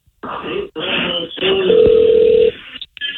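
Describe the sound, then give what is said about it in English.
A single steady ringback tone plays over a phone line, lasting about a second amid muffled line noise, then cuts off as the call connects. “Okay, hold on. It's ringing.”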